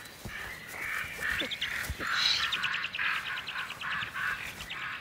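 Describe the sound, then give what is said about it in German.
Excited common raven calls sound repeatedly in the background, a rapid run of harsh, croaking notes at a steady moderate loudness, with no one speaking; the ravens are warning of an eagle owl, a mother owl carrying prey. “Im Hintergrund aufgeregte Kolkrabenrufe.”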